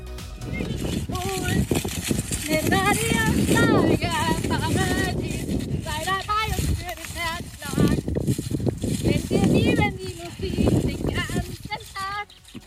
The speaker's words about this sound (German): Sie ist beim Singen gleichzeitig auf dem Pferd galoppiert und das gefühlt bei Windstärke 10 hat dann so geklungen.